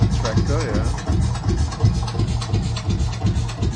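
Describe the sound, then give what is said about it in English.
A Lanz Bulldog tractor engine runs steadily, with a deep, rhythmic chugging beat, a few low thumps per second, over a rough mechanical rattle, fairly loud throughout. “So that's the Lance Bulldog. The tractor.”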